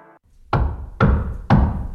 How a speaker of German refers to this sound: Hör mal, wer da hämmert. Das sind die von Antenne Wiesbaden.